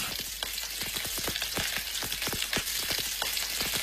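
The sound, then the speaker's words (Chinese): Steady sizzling of batter-coated chicken pieces pan-frying in a hot pan with plenty of oil, a dense crackle with frequent sharp pops scattered throughout, no voices. “鸡块在热力的烘托下逐渐呈现出微黄，鸡肉的鲜香被锁住”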